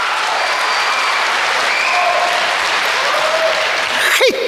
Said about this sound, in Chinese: 上台了，鞠躬了，您该响起掌声了。哎呦 我在这给您问好了，哎，您的这个掌声太少了